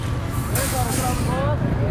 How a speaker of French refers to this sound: Là, il y a un bus qui arrive, un bus blanc, qui arrive sur ce parking.